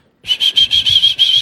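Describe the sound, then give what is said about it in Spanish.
A person whistles a quick, rhythmic signature call of about seven shrill, closely spaced bursts. Loud and alone, it lasts just over a second. “le pone ahí ese silbido que utiliza”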